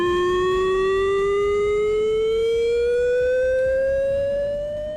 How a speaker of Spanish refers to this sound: Ha sido un simulacro con el que el Gobierno Vasco ha querido verificar el correcto funcionamiento de los sistemas de aviso ante una emergencia química, una acción rutinaria y programada